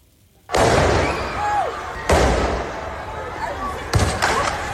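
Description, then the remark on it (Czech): Three loud, sharp firecracker blasts go off about two seconds apart, each ringing out with a busy background hum between bangs. “petardy.”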